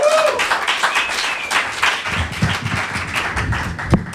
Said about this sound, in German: Großen Applaus.